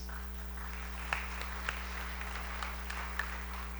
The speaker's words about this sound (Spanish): Agradecemos también a los hermanos del coro. Fuerte los aplausos a nuestros hermanos del coro.